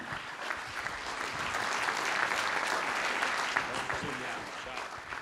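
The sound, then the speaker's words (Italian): Steady applause from a sizable audience welcoming the president of the Liguria Region, Marco Bucci; dense clapping that swells slightly and holds throughout without a break. “Un saluto e un benvenuto e un grande applauso anche al presidente della Regione Liguria, Marco Bucci.”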